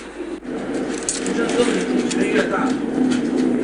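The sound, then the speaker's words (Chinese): Tarim pigeons, a mainly grey local breed, coo softly and repeatedly in a household pigeon shed, their low murmuring blended into a busy, noisy background with shuffling and scraping sounds throughout. “塔里木鸽天生野性大，特别好打架，很多人家里都会在这样的鸽棚里养上几只，想起来喂了就随手撒一把玉米。”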